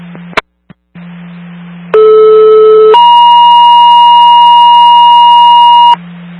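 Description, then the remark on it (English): A two-tone fire dispatch radio page re-alerting 39 Engine 1 to a fire alarm at Wendy's, 103 Holst Drive: a loud steady lower tone for about a second, then a higher sustained tone for about three seconds, over a low electrical hum with a few clicks before it. “West South Township, 103 Holst Drive, Wendy's, for a fire alarm, 39 engine 1, a re-alert.”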